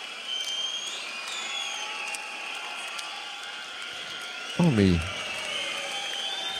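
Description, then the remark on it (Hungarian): A large concert crowd cheers and chants '… sucks' in a steady, continuous roar, with a single short spoken word cutting in near the end. “Na most lebuktam, hogy hol vettem fel ezt a közönség ovációt.”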